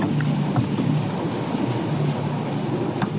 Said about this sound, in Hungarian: Mi van a víz alatt? Az a baj, hogy nem hallok más, csak a felszíni hangokat és apró ropogásokat, ahogyan a hajótest mozog.